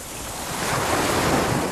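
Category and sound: nature, ocean waves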